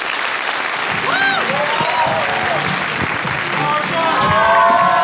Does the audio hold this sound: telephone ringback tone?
no